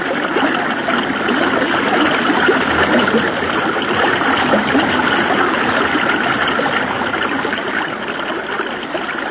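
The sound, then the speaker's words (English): A loud, steady rush of river water flows continuously, with churning splashes and gurgles throughout and no voices. The current sounds turbulent from start to finish. “When I let go of this limb, I'll let the current take us downstream.”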